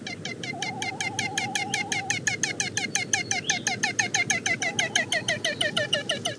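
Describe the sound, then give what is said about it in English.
A male great frigatebird (Iwa) gives a hoarse, rapid cackling rattle, a steady stream of harsh pulses repeating several times a second, continuous, with no talking. “The best place to hear their vocalizations are on their breeding grounds, where the males attempt to attract females by blowing up a brilliant orange balloon-like pouch below their bills and uttering a hoarse cackle when the female comes near.”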